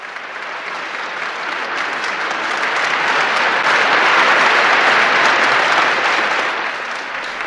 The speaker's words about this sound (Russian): Маэстро, встаньте. Вы видите, они аплодируют вам.